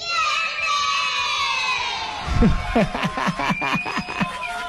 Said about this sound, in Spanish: ¿Te das cuenta cómo los niños gritan así, contentos? Tienen todo ese tienen unos pulmones y lo dicen con tanta algarabía, con tanta alegría, Dios mío, que contagian, creo que a todos,